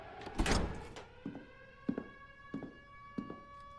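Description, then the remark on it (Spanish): Door number 29 in a corridor of guards' rooms swings open with a loud scraping rush, followed by a few soft, evenly spaced thuds like steps, all over a steady electrical hum. “Abren la puerta 29.”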